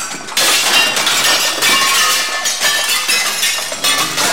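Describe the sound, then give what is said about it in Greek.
Ceramic plates are smashed at a Greek glenti celebration with a live band, a loud, dense burst of crashing and clinking shards, with repeated sharp breaks layered over one another for several seconds and no voices. “Ζωντανή ορχήστρα, αστήρευτο γλέντι και πιάτα που περιμένουν να σπάσουν”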